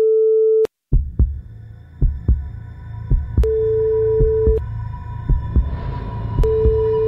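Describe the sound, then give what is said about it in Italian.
A telephone ringback tone sounds in steady, evenly spaced bursts as a call to a friend connects, with a deep, rhythmic heartbeat-like thumping pulsing beneath it throughout. No one speaks. “Colleghiamoci con l'amico mio, per favore, dai.”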